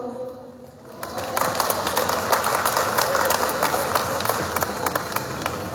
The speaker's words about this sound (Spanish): Recibimos con fuerte aplauso.